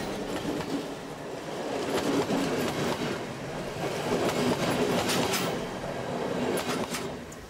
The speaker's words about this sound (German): Unser Zug hat die Pusta erreicht. Und wir machen einen kurzen Abstecher zu einem besonderen Kleinod.